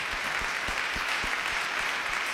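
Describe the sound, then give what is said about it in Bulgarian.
Steady, dense applause from an audience for a performer from the music school in Varna, a continuous wash of many hands clapping at even volume, with a regular low thudding pulse running underneath throughout. “Вашите аплодисменти са за него, представител на музикалното училище в град Варна с ръководител Детко Царев.”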